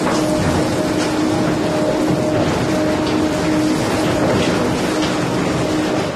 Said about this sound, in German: Wir haben einen sogenannten Nasskoller oder Kollergang und das ist eine Maschine, die den Ton walzt und sich immer im Kreis bewegt